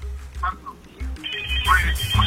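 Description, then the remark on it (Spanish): A telephone rings with a steady electronic ringtone that gets brighter partway through, over a low, pulsing rumble and faint background voices; it is incoming call number 48 to a phone-in line. “Llamada 48, dígame su nombre.”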